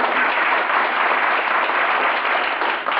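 A crowd claps steadily for the full three seconds, a dense, even wash of many hands with no voices standing out.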